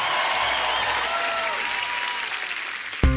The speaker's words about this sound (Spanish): aplauso fuerte